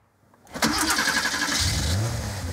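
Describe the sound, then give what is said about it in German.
A vintage car engine at the Prototyp car museum in Hamburg's HafenCity cranks and catches at about half a second, then runs loud and steady with a rough, throaty rumble and a slight rise in pitch as it revs, with no voices. “Schon das Anlassen. Musik in den Ohren vieler Fans alter Autos.”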